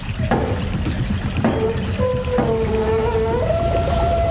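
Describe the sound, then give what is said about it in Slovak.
A wheel is turned to raise a sluice gate on a watermill's mill race, with a few clunks and long, rising metallic squeals, while a steady rush of water roars throughout. No one speaks. “Hej, sused, potočte tým kolesom. Zdvihnite stavidlo.”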